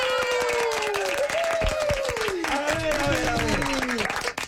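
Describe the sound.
Dense, steady audience applause fills the whole clip, many hands clapping loudly at once, with high voices cheering and whooping in sliding tones over the clapping.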